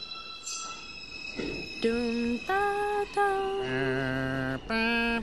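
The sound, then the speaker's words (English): A New York subway train's departure chime, heard on the platform as the train is about to leave the station, rings out in three clear, stepped, high electronic tones, each held briefly, over a steady high whine and low station rumble. “It's a sound that you hear when you're standing on the platform and the train is just about to leave the station.”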